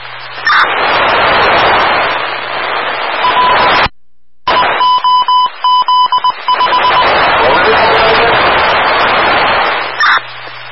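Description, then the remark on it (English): A ringing audible alarm from a boiler room sounds through a hissy, band-limited radio transmission, its repeated beeps and steady tones partly buried in static, with a brief dropout midway. “There's an audible alarm coming out of the scene about a week ago on UC between. Coming out of the boiler room again, it sounds like.”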